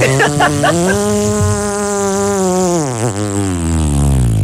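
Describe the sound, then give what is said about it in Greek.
A voice imitates a motorbike engine with a steady, buzzing drone, starting with a few sputtering revs, holding a continuous hum, then dipping and rising in pitch before trailing off. “Και η μηχανή πώς έκανε.”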